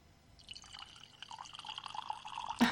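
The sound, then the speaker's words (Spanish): A thin stream of liquid trickles into a glass for a couple of seconds, the pitch rising slightly as it fills, ending with a brief clink. No one speaks. “Ahí va. El chorrito.”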